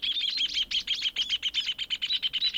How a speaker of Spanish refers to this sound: Y si escuchan con mucha atención, se darán cuenta que todas tienen su propia canción. El chingolo, el venteveo, el zorzal y el hornero.